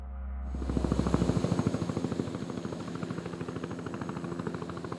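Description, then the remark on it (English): A helicopter's rotor thuds in a fast, steady chop with a deep engine whine underneath, loud, the pulsing rising at the start and holding throughout, as helicopters land and take off at a military base serving as the center of a search and rescue operation. “Helicopters landing and taking off every few minutes, bringing back the stranded and the dead.”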